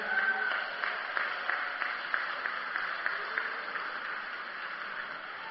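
An audience applauds steadily for several seconds, a dense wash of many overlapping claps at a fairly even, moderate level with no voices standing out.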